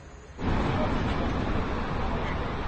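A dense, steady roar of evening city traffic with buses running at a busy, crowded intersection swells in abruptly after a quieter first moment, then carries on continuously with a faint crowd murmur mixed underneath.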